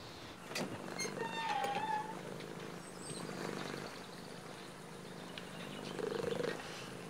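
A cat purrs steadily, a low continuous rumble that swells slightly in rhythm, with a couple of brief higher squeaky tones over it and no talking.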